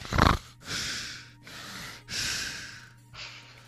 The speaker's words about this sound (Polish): Co, że ja za dużo sapię?